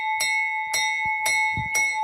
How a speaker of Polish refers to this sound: My możemy włączyć koguty w naszym odrestaurowanym samochodzie, czy mogą zakręcić syreną. Czy uruchomić dzwon strażacki.